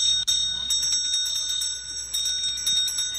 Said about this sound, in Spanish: Así sonaron las campanas en el Senado mexicano, donde inició la 8ª cumbre México-Unión Europea.